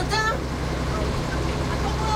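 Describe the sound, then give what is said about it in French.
A truck drives past with a steady, heavy low engine rumble and road noise. It stays continuous and fairly loud, and a brief voice is heard near the start. “Attention, Dana, un camion.”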